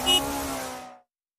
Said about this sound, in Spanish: Conoce la nueva CF Moto 500 SR, equipada con un impresionante motor de 4 cilindros, diseñada para quienes buscan potencia, sonido y emoción en cada aceleración.